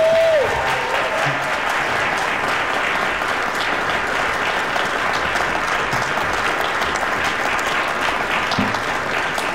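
Audience applause for a guest, a dense, steady wash of many hands clapping that holds at an even, loud level for about ten seconds, with a brief falling whistle-like tone at the very start.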